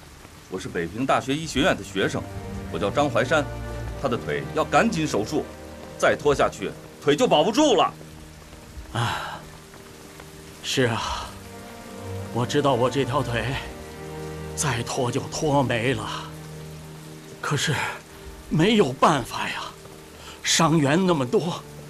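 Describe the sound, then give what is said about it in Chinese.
Steady rain falls as a constant hiss in the background, running beneath several people talking in raised, hurried voices throughout as a military unit passes by. “下雨了，腿走啊！”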